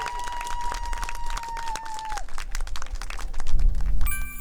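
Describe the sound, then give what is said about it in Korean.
Steady applause from an audience welcoming the performing team Artco, dense overlapping claps with a sustained tone drifting through, swelling louder toward the end as music or stage sounds join in. “자, 그러면 아트코도 여러분들을 뜨거운 박수로 환영해주세요.”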